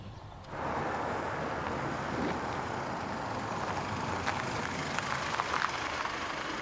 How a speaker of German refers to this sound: Er fährt voraus, will dann wenden und ich soll ihn zufällig anhalten. Jetzt kommt ein Auto.